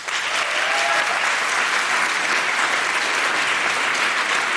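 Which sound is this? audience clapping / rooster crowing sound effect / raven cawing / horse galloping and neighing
audience clapping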